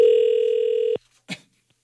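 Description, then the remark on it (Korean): A single steady telephone ringback tone of an outgoing call sounds for about a second, loud, then cuts off abruptly; a brief soft noise follows after a short pause. “자, 언니에게 제가 전화해볼게요.”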